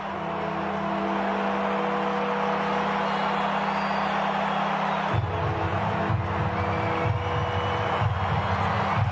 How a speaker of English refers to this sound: This is what they call Warfie time. The bells are ringing, the crowd is generating a lot of noise, the flags are waving. They're within a straight kick here, Fremantle. Warfie time.